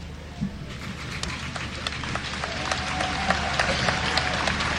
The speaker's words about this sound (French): Il n'a pas encore prononcé un mot, notre cher pape Léon, que déjà il est applaudi.